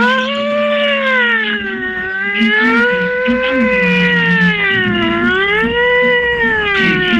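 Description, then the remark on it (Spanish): A loud alarm wails without pause, its harmonic-rich tone slowly sliding up and down in pitch over several seconds, with a steadier low hum running beneath it. “poniendo el alarma.”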